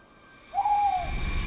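A single hoot from a male owl, a smooth steady tone lasting about half a second, fairly clear, over a quiet low background rumble.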